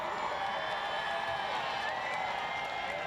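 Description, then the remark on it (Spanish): A large crowd in the Lucero neighbourhood shouts and cheers joyfully to welcome Pope Francis on his arrival, in a steady, unbroken roar, with scattered high whoops and thin whistle-like tones rising above the dense wash of voices. “Sí, ahora mismo es que prácticamente no se escucha nada de los gritos de la gente que está ahora mismo gritando de alegría por recibir aquí en este barrio del Lucero al Papa Francisco.”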